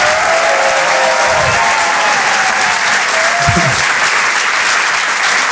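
Sustained audience applause for comedian Ray Mendes at the Rire et Chanson Comedy Club fills the whole stretch, a dense, steady wash of clapping at full volume, with faint whoops and cheers rising briefly through it.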